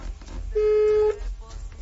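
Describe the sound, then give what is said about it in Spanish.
A single steady electronic voicemail beep tone sounds over a phone line for about half a second, loud and clear against a low hum of line noise, with no talking. “La llamada se cobrará al terminar los tonos.”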